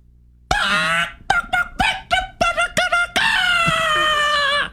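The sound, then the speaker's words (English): A human voice imitates a rooster crowing while trying to call hens (gallinas) in a chicken-calling battle: one long, strained call, then a quick string of short choppy bursts, ending in a loud, drawn-out cry held for over a second. “That sounded like a gallo, fool.”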